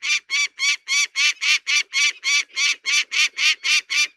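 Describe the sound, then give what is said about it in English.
A peregrine falcon gives harsh, rasping alarm calls in a rapid, steady series, about four per second, loud, with no voices or other sounds, as it veers back and forth and dive-bombs above a bald eagle drifting by. “This peregrine falcon has taken exception to it being here.”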